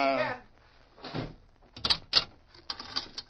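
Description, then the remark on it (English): A sheriff shuts a prisoner into a cell behind a barred jail door as it slides shut: a brief squealing scrape, a rolling rumble, then two sharp metallic clanks and a rattling clatter as it settles. “you just walk straight to that barred door”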